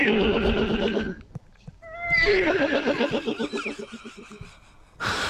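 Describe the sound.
A person imitates a horse's whinny with their voice, two loud, wavering neighing bursts with a brief gap between them, ending in a sharp breathy snort.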